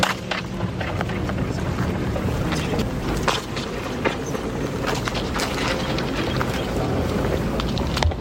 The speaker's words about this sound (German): wenn man da zu sehr mit dem Fuß auf den Boden stapft, in die Hände klatscht oder sich räuspert oder hustet, hat man da ein sehr langes bis siebenfaches Echo, das man bis zu 20 Minuten da drin hängen bleiben. Da hören wir mal rein, wie das klingt.